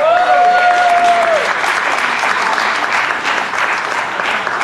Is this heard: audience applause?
yes